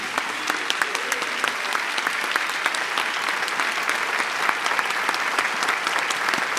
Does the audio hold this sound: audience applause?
yes